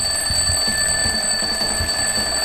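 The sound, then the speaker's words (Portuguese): A loud alarm clock rings continuously, its shrill steady tones sustained throughout with a busy rattling underneath, insistent with no voices. “O que tem a ver esse despertador aqui em plena 2h05, né?”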